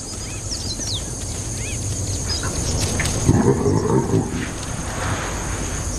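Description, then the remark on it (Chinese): A dominant baboon lets out a harsh, grunting call at African wild dogs, lasting about a second midway through. The call rises over a steady wash of background noise, with faint high bird chirps early on. “占主导地位的狒狒想要杀死一只非洲野犬轻而易举，今天它的叫声显然远不及利齿那般有效。”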